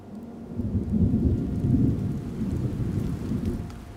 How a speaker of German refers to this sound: Im Herbst kommt endlich der Regen zurück.